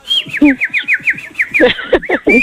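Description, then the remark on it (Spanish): A bird whistles a quick run of sweeping, repeated chirps, bright, with a few lower throaty notes mixed in and no talking. “Pues ahora sí que hablando de pájaros, ahí les va la canción.”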